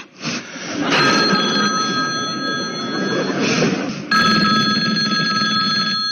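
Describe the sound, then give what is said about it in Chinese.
A telephone rings with an incoming call in two bursts of steady, bright electronic tones, fairly loud, with a brief gap between them over a low background murmur. “机关枪来电话了。”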